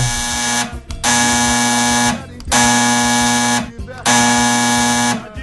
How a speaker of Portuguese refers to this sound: o telefone tocou!